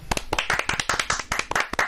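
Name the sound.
hands clapping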